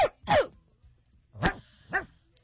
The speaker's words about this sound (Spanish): Ese perro estaba como raro, ¿verdad? Está raro. Sí, estuvo raro. Creo que le están pisando la pata.